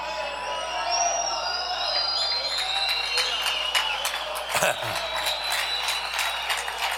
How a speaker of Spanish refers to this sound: Que ¿sabe por qué usted aplaude solo porque oye la palabra Hijo?